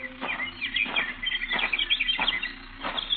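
A lively chorus of birds chirping and twittering by a statue, with quick overlapping calls repeating throughout and occasional brief louder bursts.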